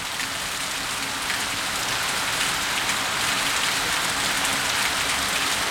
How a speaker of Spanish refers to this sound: A esta hora llueve bastante fuerte en Valparaíso. Escuchemos los micrófonos ambientales de Bio Bio.